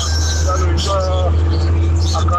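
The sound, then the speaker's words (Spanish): Steady, loud low rumble of a car cabin while driving, a constant engine and road drone filling the whole stretch, with faint voices murmuring over it. “Él le nota que va en un carro.”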